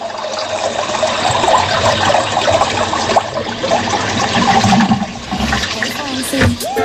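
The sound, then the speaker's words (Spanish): Loud, steady rush of gushing water, churning and hissing like a toilet flush, lasting several seconds without pause, with a brief voice emerging near the end. “Eso, más que lluvia, parecía un inodoro, oiga.”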